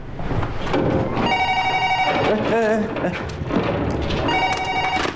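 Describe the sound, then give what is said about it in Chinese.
A telephone rings in two bursts of bright, steady electronic tones, the first from about one to three seconds and the second near the end, over a busy background with voices and thuds. “哎，你电话还用不用？”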